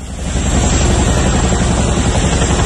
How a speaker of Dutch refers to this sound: Ja, het geluid van de helikopters die meededen aan een militaire oefening. Het ging om een antiterreuroefening van de Koninklijke Luchtmacht, waarbij onder meer een gijzeling werd nagebootst. Ja, veel mensen werden vroegtijdig gewekt door het lawaai